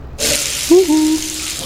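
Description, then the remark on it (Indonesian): A tap at a mosque is turned on and water gushes out in a steady hiss that continues to the end, with a brief squeaky whine partway through. “Nyalain keran.”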